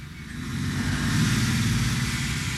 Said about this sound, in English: Mama! Mama! Papa's truck! Huh?